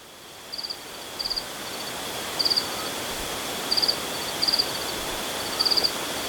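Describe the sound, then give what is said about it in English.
Crickets trill at nightfall in rural Andalusia, Spain, in short, repeated bursts of high chirping, about six evenly spaced pulses, set against a steady background hiss with no voices. “Spending nights outside before settling in the mountain village of Yegan, he writes of being sung to sleep by insects as darkness fell and the crickets began to trill.”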